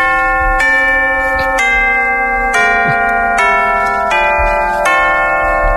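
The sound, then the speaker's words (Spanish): Tubular bells chime a slow sequence of about seven struck tones, each ringing on and overlapping the next, loud and resonant, with no voices. “Es un poco campana. Suena timbre.”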